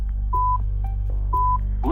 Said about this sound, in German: Sie haben es gehört, da hinten war schon der Piepser.